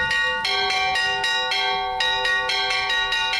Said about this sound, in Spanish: Si había alguien que se estuviera quedando dormido ahora, ya está claro imposible, están sonando las campanas.